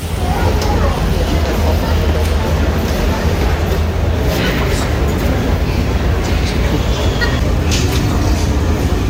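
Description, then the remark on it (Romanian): Crowded underground metro station in Kyiv, Ukraine, full of residents sheltering overnight from an attack: a steady, loud low rumble fills the space, with an indistinct murmur of many voices running continuously underneath throughout. “Cine a putut a mers în stațiile subterane de metrou care au fost pline?”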